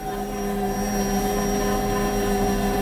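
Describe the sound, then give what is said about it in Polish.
A kitchen machine re-kneading bread dough, step five of a seven-step program lasting about 2.5 minutes, gives off a steady, loud motor hum with a constant droning pitch and a faint rhythmic churning beneath it, running unbroken with no voices. “Słyszymy, jak urządzenie sobie ciasto wyrabia.”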